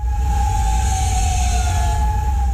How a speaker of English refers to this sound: Sirens ring overnight in Kuwait City. Officials there say its air defense systems intercepted missile and drone attacks.